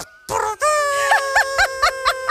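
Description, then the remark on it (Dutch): A voice imitates an elephant trumpeting: a loud, sustained brassy call lasting about two seconds, wavering in a rapid series of pulsing warbles after a short opening blast. “Een olifant.”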